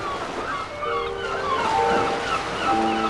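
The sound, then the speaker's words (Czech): Sea waves wash steadily in a continuous, fairly loud surge on a very quiet, clear night, heard aboard a ship, with faint sustained tones drifting above the roar of the water. “Noc byla velmi tichá a jasná, ale moře přece dělalo vlny, že jsem měl dojem, že se musí každou chvíli přes nás převalit.”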